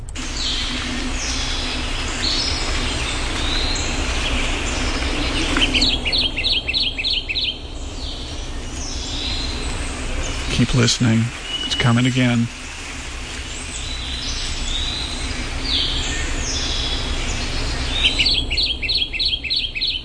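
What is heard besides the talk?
kentucky Warbler repetitive song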